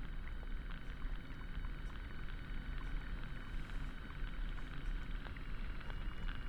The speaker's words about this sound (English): In a saltwater bed. And the sounds that you are hearing are mostly seaweed and sea urchins, according to the recordist.